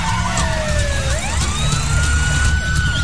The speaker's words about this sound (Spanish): En una carretera, dos coches de policía persiguen la camioneta